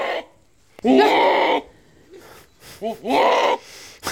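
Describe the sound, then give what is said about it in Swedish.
A Damascus goat calls out twice in loud, nasal, wavering bleats about two seconds apart, with softer grunting and breathy sounds between them and no talking. “Den heter då Damaskusget.”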